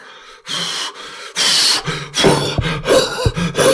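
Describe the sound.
A voice imitates the wolf from the three little pigs story blowing hard at a house built of bricks and cement: loud, breathy whooshing puffs, one after another, the later ones strained with low grunting effort between bursts.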